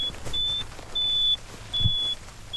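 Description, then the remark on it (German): A virtual fence collar on a cow beeps as a warning near the virtual boundary: a series of high-pitched electronic beeps, each a sustained tone lasting about a third of a second, repeating at regular intervals over a low background rumble; no one speaks. “Wenn sich ein Rind vom lauter werdenden Piepen nicht beeindrucken lässt und dem virtuellen Zaun zu nahe kommt, bekommt es über zwei Kontakte im Halsband einen Stromstoß.”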